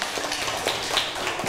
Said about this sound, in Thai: ต่อไปค่ะขอกลุ่มที่2ค่ะขอตัวแทนกลุ่มที่2ออกมาได้เลยนะคะขอเสียงปรบมือให้กับกลุ่มที่2หน่อยค่ะ